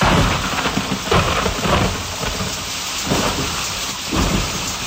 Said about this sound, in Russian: Весенний гром, как будто салют весне. Точно. Уже все кончилось. Нет, только началось.